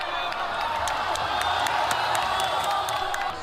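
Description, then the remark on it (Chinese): A large crowd at a humanoid robot fight roars with loud, sustained cheering as the robot White Eagle lands a high kick on the robot Matador's head, a dense wall of voices broken by scattered claps and whoops, holding steady at full volume throughout. “当白色雄鹰一记高鞭腿精准命中斗牛士的头部时，全场爆发出震耳欲聋的欢呼。”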